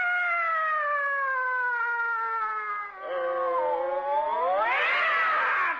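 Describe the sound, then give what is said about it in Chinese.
A single long, loud caterwauling yowl like fighting cats, sliding slowly downward in pitch, then rising into a harsher, strained cry near the end. No talking. “干嘛猫打架呀”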